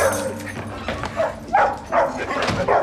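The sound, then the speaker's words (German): A dog barks in a quick series of sharp barks, mixed with higher yips and a brief whimper, the bursts coming roughly every half second. “Hundebesitzer sagen immer zwei Sätze. Der tut nichts und wenn es dann passiert ist, das hat er noch nie getan.”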